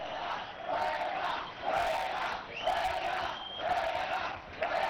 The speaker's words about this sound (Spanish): no ponemos nada más que el micrófono ambiente para que vean cómo se marcha el colegiado, pues increpado o al menos señalado por la grada del Municipal de la Albuera